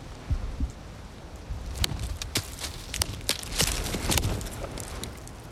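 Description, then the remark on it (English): A tree knock, a call-and-response signal made by hitting a tree: a series of sharp wooden knocks as a tree trunk in the woods is struck with wood, repeating irregularly over a steady rush of wind, with no voices. “a tree knock. It's a type of call and response from hitting a tree.”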